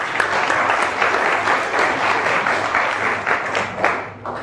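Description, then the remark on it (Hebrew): A lecture audience applauds steadily for several seconds, a dense wash of many hands clapping at once with no voices rising above it. “כפיים עובדי שבירה היום.”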